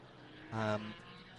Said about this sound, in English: So the Karcher 62 machine is the second of those HWAs we mentioned coming out the pit lane now. The very easily recognisable 911.